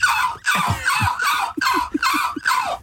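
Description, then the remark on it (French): A person imitates a seagull with about six loud, raspy cries in quick succession, each a harsh, strained squawk with a hoarse, breathy edge. “Je vais faire la mouette.”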